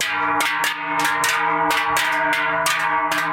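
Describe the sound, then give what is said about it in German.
Large, heavy Swiss cowbells (Treicheln) carried by people at the federal Schellen and Treichler gathering in Schöpfen, Bernese Seeland, clang continuously in an uneven rhythm, their metallic strikes overlapping into a loud, dense jangle with a rich ringing tone and no voices. “Die Schöpfen im Berner Seeland laufen am Freitag die Leute mit den grossen Glocken auf.”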